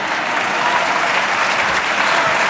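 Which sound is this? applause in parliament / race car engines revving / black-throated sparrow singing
applause in parliament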